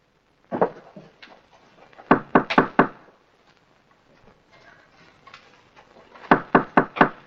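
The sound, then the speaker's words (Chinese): Loud knocking on a door in quick bursts, a brother knocking at his sister's door: a couple of raps, then a run of four, a pause, and another rapid set of four. “妹妹，妹妹，你开门呢？”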